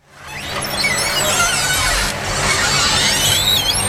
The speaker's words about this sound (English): For generations of older Americans, the sound of a screen door opening at a small town country store can take them back in time.